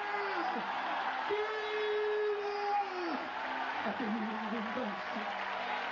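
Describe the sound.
A large crowd at a religious gathering claps steadily for several seconds, applauding the Lord, a dense, sustained wash of applause, while a man's voice preaching rises and falls loudly over it.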